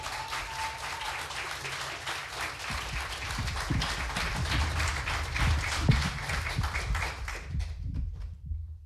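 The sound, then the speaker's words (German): A crowd applauds warmly and steadily to welcome the next contestant to the front, many hands clapping in a dense wash that swells slightly midway, then cuts off abruptly near the end. “Bitte heißt auch sie mit einem 10-Punkte-Applaus hier vorne willkommen.”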